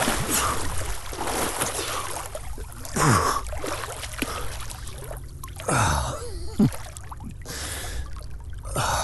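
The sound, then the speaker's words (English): A person dives into cold water at Lake Champlain, New York, after beaching a canoe on a sunny summer day: sloshing splashes and churning water, with sharp gasps of breath at a few points, fairly loud, with no talking. “After beaching the canoe, it's finally time to dive in.”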